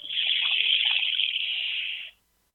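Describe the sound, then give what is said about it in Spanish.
A handheld instrument bought from natives imitates flowing water with a steady rushing hiss that pours on for about two seconds, then cuts off abruptly into silence. “Me voy a dedicar a Lilia y voy a tratar, como Lilia es una gran ambientalista, a ver si le sueno el agua con un instrumento que compré en alguna parte a nativos.”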